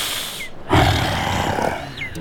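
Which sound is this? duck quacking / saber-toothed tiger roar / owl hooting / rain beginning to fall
saber-toothed tiger roar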